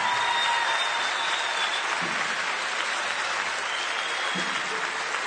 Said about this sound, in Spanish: otro aplauso para estos crack.